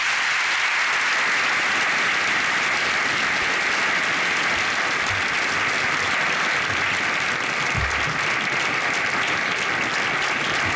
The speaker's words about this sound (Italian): Sentite l'applauso delle autorità, delle realtà religiose, imprenditoriali, diplomatiche che sono presenti nel Salone delle Feste dell'Eliseo al discorso pronunciato dal Papa, che in questo momento viene salutato dal Presidente Macron.